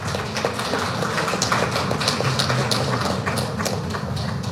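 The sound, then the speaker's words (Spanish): A crowd at a Bolivian municipality's anniversary event applauds steadily for Evo Morales Ayma, many hands clapping in a dense, crackling wash with sharp individual claps popping out, holding an even loudness throughout without any speech. “Un fuerte aplauso, hermanos, pedirles.”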